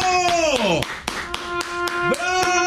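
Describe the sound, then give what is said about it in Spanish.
A steady run of about ten sharp, evenly spaced hand claps of applause, while a voice calls out in drawn-out, sing-song tones underneath. “Déjale aplaudo eso, maldito maestro.”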